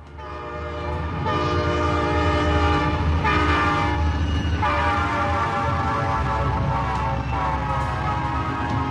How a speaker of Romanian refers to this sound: Ce e asta? Ce e asta? Știu eu, un tren de noapte. Poate, poate trenul meu.